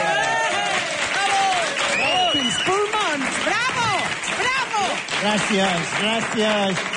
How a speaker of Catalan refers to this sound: Gràcies pels seus aplaudiments, gràcies a tots.